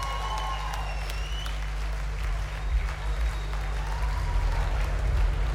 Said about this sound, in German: Applaus.